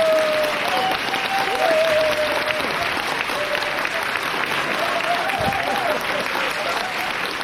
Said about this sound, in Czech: Potlesk.